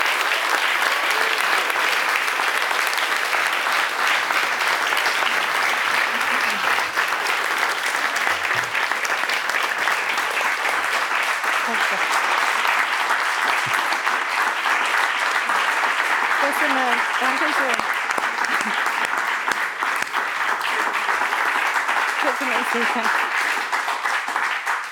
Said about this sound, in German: Viel Applaus für Kinga Tod und willkommen zurück hier im Saal, liebes Publikum.